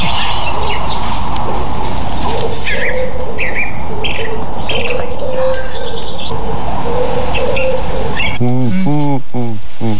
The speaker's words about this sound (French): La tourterelle. Non, on est dans la même famille, hein. La famille est bonne. On est bien chez les colombidés. C'est le pigeon. Le pigeon ramier, ouais. Donc le pigeon ramier.